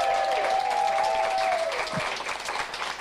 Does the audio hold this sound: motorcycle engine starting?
no